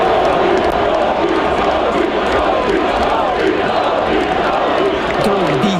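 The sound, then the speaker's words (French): A large arena crowd roars and cheers continuously for the Canadiens hockey players as they are introduced and jump onto the ice, a loud, dense wash of voices with shouts rising above it and a few chanting pitches near the end. “Et bon, les joueurs des Canadiens, quand ils sautent sur la glace, ils sont tous chaudement applaudis.”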